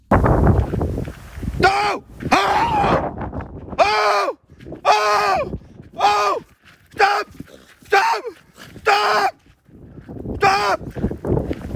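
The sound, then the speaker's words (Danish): A male runner in Bonken Klitplantage, North Jutland, Denmark, yells loudly over and over while waving his arms to scare off a wolf: about nine short, harsh, high-pitched shouts in a steady rhythm with brief gaps, after a couple of seconds of rough rustling noise. “Han råbte højt og viftede med armene for at få ulven til at gå væk, inden ulven stoppede få meter fra ham.”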